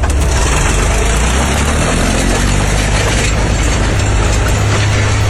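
A tractor engine rumbles steadily and loudly, a deep continuous drone with a rough mechanical hum that holds constant throughout, no voices present. A farmer's tractor driven onto freshly laid asphalt in the Ostropa district of Gliwice, its plough damaging about 200 metres of road.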